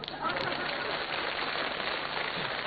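A crowd applauds steadily, a dense, even wash of many hands clapping that holds at a constant loudness for a few seconds without pausing.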